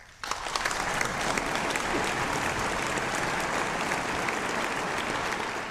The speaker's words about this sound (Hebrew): מחיאות כפיים מן הסתם.